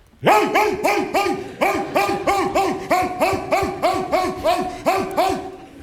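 A trained dog barks loudly in a rapid, steady volley of about fifteen sharp barks over several seconds, with no talking.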